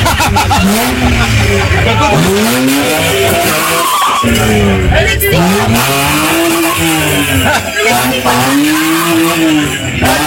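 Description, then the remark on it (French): A voice imitates a revving car engine, making loud, continuous vroom sounds with pitch repeatedly sweeping up and down, like a car accelerating and screeching through turns. “Allez, t'as vu comment on fait un moteur?”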